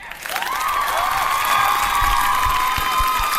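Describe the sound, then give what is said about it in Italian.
A burst of audience applause with cheering and whoops, given on request for the new taste term 'amidaceo', loud and steady for a few seconds, dense clapping filling the sound without any speech over it. “mi serve un applauso per l'amidaceo, ce l'abbiamo?”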